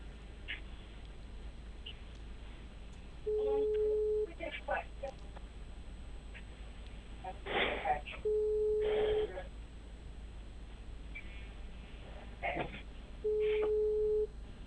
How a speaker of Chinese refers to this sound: 您所拨打的用户正在通话中，请稍后再拨。